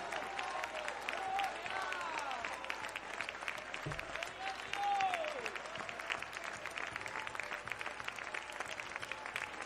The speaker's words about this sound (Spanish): Los que tienen la esperanza, lo que tiene la promesa que no vamos a estar en esos juicios, alabamos a Dios por 30 segundos fuerte, fuerte ahora, aplaudiéndole y con sus labios sacrificio de alabanza ahora.